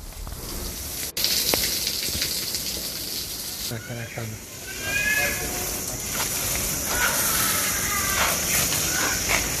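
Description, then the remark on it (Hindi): A steady, loud hiss of water being sprayed continuously on an animal enclosure at a zoo to protect the animals from hot winds and keep the temperature down, growing brighter partway through, with brief faint voices or animal calls mixed in underneath. “जानवरों को गर्म हवाओं से बचाने के लिए लगातार वाटर स्प्रेइंग भी वहां पर की जा रही है ताकि तापमान कम रहे।”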